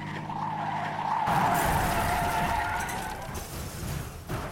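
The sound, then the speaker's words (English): A car skids loudly on a snowy road during a blizzard with whiteout conditions and slides into a ditch. The sustained grinding slide carries a whining tire tone that swells after the first second and fades slightly near the end, with no voices. “I lost control of the car a couple times. The 3rd time, I slid into a ditch.”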